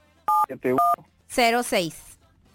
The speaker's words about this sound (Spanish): No sean gachos, no tecleen en el teléfono porque nos aturden. Traemos audífonos y se oye muy fuerte el tecleo aquí.